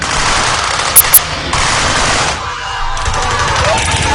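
Continuous rattling gunfire from a tourist reenactment of the battle of the Lushan pass in Guizhou province, China: dense bursts like machine-gun volleys fill the whole stretch, with two sharp, louder cracks standing out near the start.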